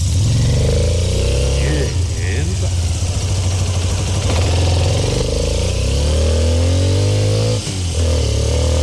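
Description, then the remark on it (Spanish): A motorcycle engine revs loudly, the station motorcycle sound of Olímpica Estéreo radio, its throaty rumble rising and falling in pitch over several seconds with a steady, continuous roar throughout. “¿Viene el sonido de la moto?”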